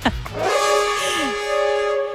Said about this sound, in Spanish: No, oh, claro, ahí sí, ese claxon, lo reconozco.